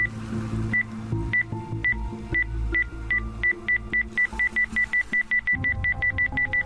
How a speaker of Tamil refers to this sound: என்ன சார், பூவுக்குள்ளலாம் நம்ம detector sound கொடுக்குது?